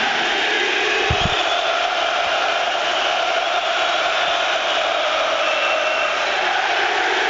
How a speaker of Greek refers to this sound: Όλο το γήπεδο φωνάζει με τη Λίμπαρ.